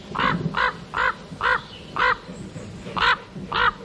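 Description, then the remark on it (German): A common raven calls repeatedly, giving seven harsh, croaking caws in a steady rhythm, clear with no one speaking. “5 Vögel stehen dabei zur Auswahl, die sicherlich nicht alle durch ihren Gesang bestechen, wie zum Beispiel der Kolkrabe.”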